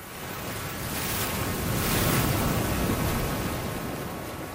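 Surf washes steadily onto a beach, a broad rushing roar that swells to a peak midway and eases off again, with a hint of wind buffeting the microphone. No one speaks.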